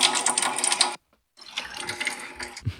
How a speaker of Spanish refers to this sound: Me acaba de llegar ustedes, el agua. Ustedes oyen el chorro. Llegando a mi casa, no lo puedo ni creer.